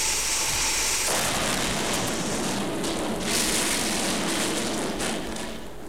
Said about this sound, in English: Ah. Here are the naughty sausages. Well, I will just pop them into this nice boiling hot frying pan.